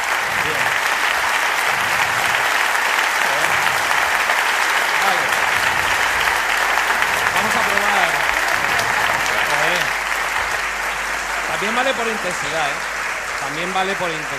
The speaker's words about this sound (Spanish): Por intensidad también nos sirve. Pero vaya, el largo ha sido bastante largo. Vamos a probar con... Pero no habían parado de aplaudir.